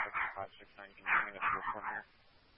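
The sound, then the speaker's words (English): A dog barks several times in quick bursts somewhere in the background, sounding muffled and tinny as if over a radio channel, with faint voice-like murmuring mixed in. “Covered by the dog in the back.”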